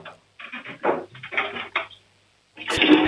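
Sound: loud toilet flush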